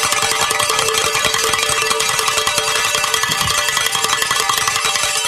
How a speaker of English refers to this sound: I'm so glad we got to ring those bells with you being here. That's great.